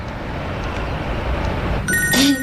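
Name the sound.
telephone ringing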